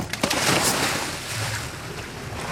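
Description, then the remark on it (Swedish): Water sloshes and laps steadily against a motorboat on the Kattegat northwest of Höganäs, off the Swedish coast. Waves are about half a metre high, and a light breeze rushes across the microphone throughout. No voices. “Per Normark och hans två kollegor hoppar i från aktern av en motorbåt vid 35 meters djup”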